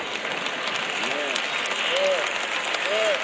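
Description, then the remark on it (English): An audience claps steadily for a few seconds, a dense wash of many hands at moderate volume, with a few brief vocal whoops rising over the applause. “Y'all notice how the claps are getting lower and lower and lower.”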